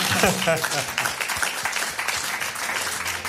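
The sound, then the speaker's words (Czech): A few people clap steadily for a few seconds, a dense patter of hand claps, with a brief voice showing through near the start. “My mu tleskáme.”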